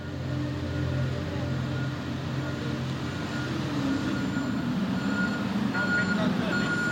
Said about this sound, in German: Der Hafen Vuosaari in Helsinki, Finnland. Die ganze Nacht lang wird diese Frachtfähre beladen. Die Finn Echo 2. Fast 240 Meter lang.